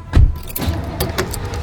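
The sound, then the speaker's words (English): A car door thuds shut near the start as a family gets into the car, followed by scattered clicks and jangling keys over a low, steady rumble as the car's engine starts and idles. “All right, everybody in the car, let's go.”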